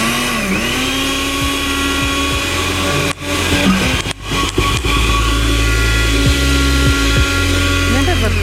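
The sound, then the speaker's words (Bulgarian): A blender motor whirs loudly and steadily, its pitch wavering, with two brief stutters or cut-outs midway before the grinding drone resumes. “Ами освен да помолим колегите за другия блендер, имаме един малък блендер”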